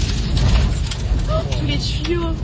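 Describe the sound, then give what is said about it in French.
Debris thrown by a mini-tornado during storms pelts a car windshield in the Saint-Étienne area, France, in rapid, irregular hits over a loud, steady roar of wind, with a person's voice briefly crying out underneath. “Vous entendez la force de la mini-tornade, ou plutôt des débris qu'elle projette sur le pare-brise de la voiture.”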